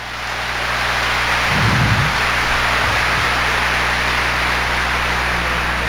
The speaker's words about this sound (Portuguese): Então, uma salva de palmas a Nossa Senhora.